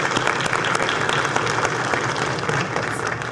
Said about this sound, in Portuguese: A salva de palmas é para todos vocês.